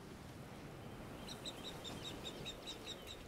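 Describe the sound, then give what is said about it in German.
A mother marsh harrier screams overhead while her chicks are being ringed, in a quick string of about ten sharp, high-pitched calls, beginning partway through over a low rumbling outdoor background. No one speaks. “Hört ihr? Das Schreien. Die Mutter ist da oben.”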